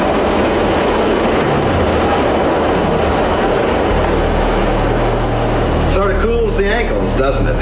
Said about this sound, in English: Ooh, do you feel the breeze from the subway? Isn't it delicious?